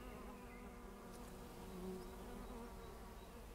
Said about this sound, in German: Raps ist irgendwie schon ein bisschen meine Lieblingskultur aktuell. Da ist Leben drin, da sind viele Bienen und Insekten drin. Hört ihr das?